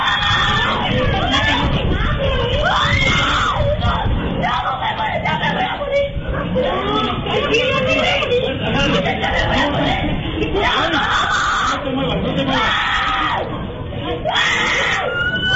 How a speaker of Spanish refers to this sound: video del momento se hizo viral a través de redes sociales, sobre todo por los gritos de auxilio y pánico del menor, quien trataba de zafarse de esta mordedura del perro, el cual escapó de la casa de un vecino.